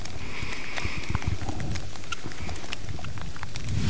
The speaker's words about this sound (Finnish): Sade tuossa hieman ehkä otti vähän vauhtia lisää niin sanotusti, eli kovempi sade alkoi, mutta vieläkin aika maltillista.